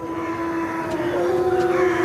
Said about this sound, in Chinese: 这声嚎叫是在召集狼群准备狩猎。